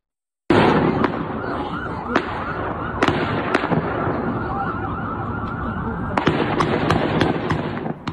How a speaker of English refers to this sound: This morning, some new video for you. It shows a suspected gunman exchanging fire with police officers after shooting at multiple cars along a busy roadway in Massachusetts.